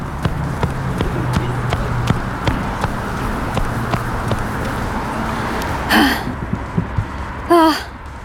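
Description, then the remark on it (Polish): A woman running at a steady pace, more than a minute into her run, footfalls thudding in a regular rhythm, with heavy panting breaths and a couple of louder gasping exhales near the end. “Już trwa ponad minuta biegu, ale mam wrażenie, że to może być wyrównany pojedynek.”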